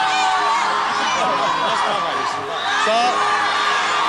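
A dense crowd of fans at a sold-out concert in the early 1990s screams hysterically and continuously, high shrieks and whoops piling over one another in a loud, sustained roar with no pauses.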